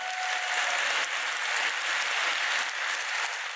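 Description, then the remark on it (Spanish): A church audience claps in praise of God during a sermon, a dense, steady burst of applause, many hands blending into a continuous bright crackle that holds at an even, moderate level throughout, with no voices. “Si lo crees, recíbelo en el nombre del Señor y dale un aplauso a Él.”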